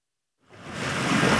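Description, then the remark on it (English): A soft hiss of water rises out of silence and swells into a steady, broad wash of waves lapping and spreading up the shore at Huntington Beach, heard alone with no voices. “The waves lap at Huntington Beach.”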